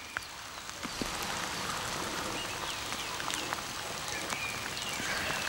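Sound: heavy rain falling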